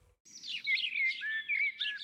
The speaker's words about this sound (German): Für viele Menschen gehört Vogelgesang zu den angenehmsten Geräuschen der Natur. Doch nicht jeder Vogel klingt gleich schön.